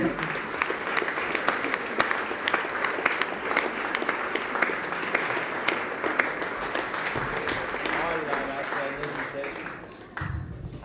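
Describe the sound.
An audience applauds steadily, a dense crackle of many hands clapping at even loudness for about ten seconds before it thins out, with a few voices murmuring underneath, welcoming a young woman accordionist who is about to play.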